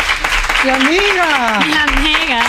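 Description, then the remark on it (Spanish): Audience applause welcoming a guest on a show, a steady dense patter of clapping that fills the whole stretch, with a voice calling out over it in a rising, drawn-out tone. “Un aplauso para”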